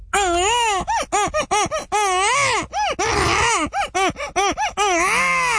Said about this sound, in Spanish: Un bebé llorando.